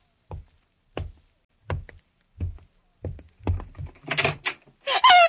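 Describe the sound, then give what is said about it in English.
A door opens as someone comes in: a run of evenly spaced heavy thuds draws closer, followed by louder rattling and a brief creaking scrape near the end, with no talking. “Somebody's coming in, Rogi. Better get behind the door”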